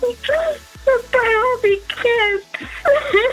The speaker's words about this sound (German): nicht weinen, oh mein Gott